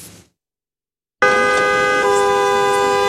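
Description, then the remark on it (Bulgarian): After a moment of silence, car horns blare suddenly and loudly from queues of cars arriving from Turkey and waiting at the Kapitan Andreevo border checkpoint. They hold a long, steady honk whose pitch shifts partway through as another horn seems to join in, continuing to the end. “Колони от автомобили чакат на граничния плац, а преминаването на границата отнема повече от 3 часа.”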